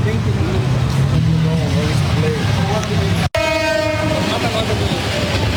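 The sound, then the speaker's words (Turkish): A train in Bangladesh, during the reverse migration after Eid al-Adha (Kurban Bayramı), rumbles past with a steady low roar, then a loud sustained horn blares with rich harmonic tones after a brief cut. Crowd voices murmur faintly beneath the noise. “Bangladeş trenlerinde tablo çok daha vahim.”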